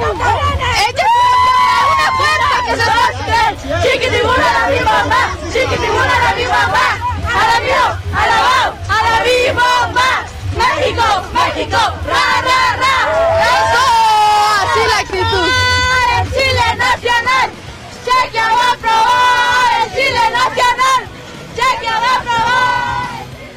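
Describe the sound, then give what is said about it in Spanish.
A large crowd of Mexico football fans celebrating in the rain at the Fan Fest in the Zócalo: dense, loud cheering and shouting voices overlapping continuously, with excited yells rising above the steady roar throughout. “Así es lo que se vive en el Fan Fest del Zócalo. La lluvia, no pasa nada, aquí seguimos presentes para festejar esto que es histórico de la selección mexicana.”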